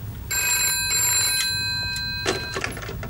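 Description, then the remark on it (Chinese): A telephone bell rings in one steady, bright metallic trill lasting a couple of seconds, over a low background rumble, then cuts off with a faint clatter. “齐队长，电话。”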